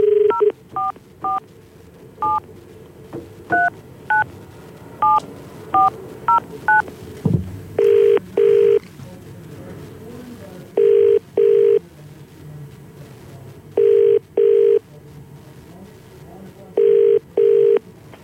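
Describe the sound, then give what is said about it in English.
A quick run of about a dozen touch-tone keypad beeps dials a number, then a phone line rings in four evenly spaced double-burst rings, clear with no voices, as the CFM Morning Crew radio show calls a friend live on air. “I'm just about to get one of our mates on the phone with us.”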